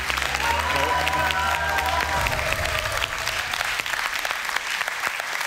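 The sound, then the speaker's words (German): Steady, loud applause from a quiz show audience fills the whole stretch, dense and crackling, while a short sustained musical chord rings over it at the start and fades after about two seconds. “Applaus.”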